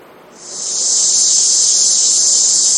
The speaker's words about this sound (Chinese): 这夏天知了来了， 蝉鸣声， 蝉鸣声。我看那边叔叔有点受不了了，就是叔叔可能对这个蝉鸣特别的敏感，阿姨也是啊，特别敏感，不太行。